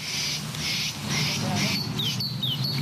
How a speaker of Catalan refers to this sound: Què és això? Allà, això són els ocells.